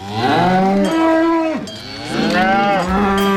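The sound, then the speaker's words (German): Cattle low loudly in long, overlapping moos with deep, wavering pitch, one call sliding down before others rise again, with no talking, during the traditional Bodenfahrt alpine cattle drive early in the morning, in good weather with pleasant temperatures. “der heute Morgen früh bei der traditionellen Bodenfahrt dabei war.”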